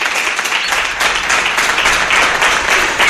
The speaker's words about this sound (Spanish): Esto merece, vamos, un aplauso de los más grandes del programa.